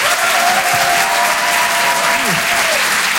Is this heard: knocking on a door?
no